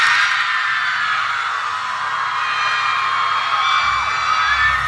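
A huge crowd at the Tight Ends and Friends concert in Nashville roars and screams in one steady, loud wall of cheering as a surprise guest performer is brought on stage, with high shrieks and whoops cutting through for the whole stretch.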